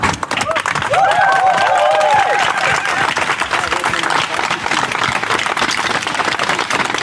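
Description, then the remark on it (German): A crowd claps steadily and loudly for several seconds, a dense, continuous patter of many hands, with a few raised voices calling out over it near the start. “Da klatscht die Hassbubble für das Transzebra.”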